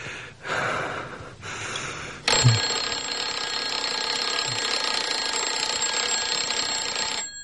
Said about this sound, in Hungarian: Gong. Kezdődik a 20. menet.